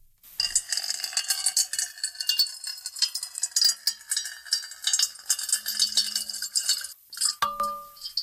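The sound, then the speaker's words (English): Water pours steadily into a metal bowl for several seconds, a bright splashing hiss over ringing metallic tones, ending with a few final drips and a soft resonant ring. “And now a little ASMR, water being poured into a metal bowl.”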